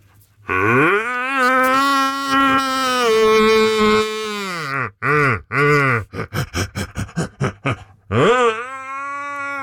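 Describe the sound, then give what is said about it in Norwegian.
A person imitates a red deer's rutting roar: a long, loud, throaty bellow, a few shorter bellows, then a rapid series of short grunts, ending with another sustained roar. “Du, men man får lite helt till slut här, få lite skickligt hjortebröl igen från dig.”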